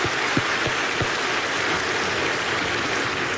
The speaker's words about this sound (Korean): 우리 다시 한번 하나님께 영광의 박수 올려드립니다. 아멘.